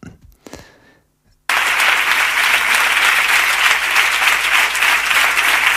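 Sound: audience applauding loudly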